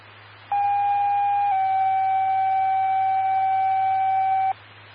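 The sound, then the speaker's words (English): A two-tone radio dispatch paging alert for a fire alarm call at Fairway Oaks: a steady electronic tone for about a second, then a slightly lower tone held for three seconds, over hissy radio static and a low hum. “stand by the fire alarm page, Fairway Oaks.”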